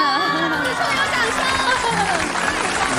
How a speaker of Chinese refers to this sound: 哇，掌声。